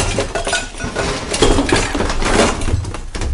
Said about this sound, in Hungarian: Hát a polcról leborult sok mindent. Letört egy polc, és leesett róla sok minden.